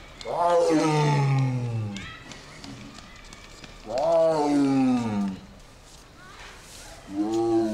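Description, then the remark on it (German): A tiger roars three times, each call a loud, drawn-out moan that slides downward in pitch, separated by pauses, with the third cut off at the end. It sounds powerful. “andere Tiger sagen, oh, das ist ein großer Kater, der da ruft”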